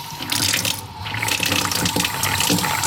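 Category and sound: household object, water running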